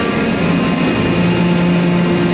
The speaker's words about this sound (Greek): Το αεροπλάνο τροχοδρομεί για την απογείωση.